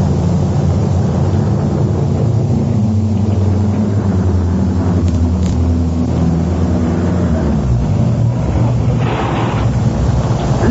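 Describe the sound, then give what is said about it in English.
A car engine runs steadily at a low, constant rumble for the whole stretch in the rain, pulled up by a petrol pump at a general store, with a broad hiss of rain over it and no voices. “Get out of the car, darling.”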